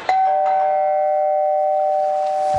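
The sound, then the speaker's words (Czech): A doorbell chimes once with a sharp strike, then its bright tone rings and sustains steadily before slowly fading, heard clearly with no one talking. “Někdo zvoní asi.”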